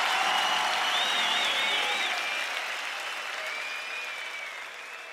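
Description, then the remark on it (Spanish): Loud, dense applause from a large crowd at Luna Park, a steady wash of clapping with some whistles on top, holding strong throughout and easing slightly toward the end. “Un fuerte aplauso a las pelotas en el Luna Park por primera vez. ¡Fuerte aplauso!”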